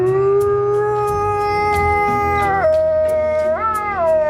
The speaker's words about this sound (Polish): Słyszałeś, co to może być? To może to jakiś, remont, wiertarka akurat może? Ty, wiertarka akurat, tak właśnie jęczą białe damy.